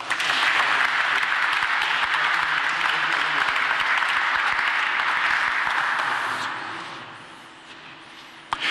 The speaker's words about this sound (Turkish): Alkışlarınızla.